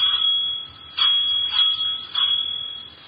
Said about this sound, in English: That is also why you had better ring the doorbell.